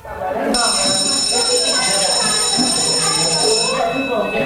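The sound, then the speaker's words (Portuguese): A school bell rings loudly in one continuous, shrill burst lasting about three seconds, marking the start of a new school year at a basic-education school, with a murmur of voices and background chatter underneath. “É isto, a campainha vai hoje começar a tocar outra vez nas escolas, com o arranque de um novo ano letivo nas escolas do ensino básico.”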